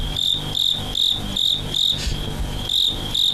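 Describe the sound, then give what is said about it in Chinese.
A fighting cricket kept by cricket enthusiasts in China chirps in a steady, even rhythm: loud, shrill pulses repeating about three times a second over a low background hum, with no voices. “逐鹿中原三秋日，问鼎华夏虫鸣时。”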